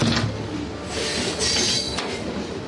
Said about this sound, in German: Langsam setzt sich der Zug in Bewegung, vorbei an Industriebetrieben, Kränen und Holzlagern.